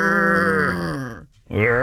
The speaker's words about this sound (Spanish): Por un lado, las vacas.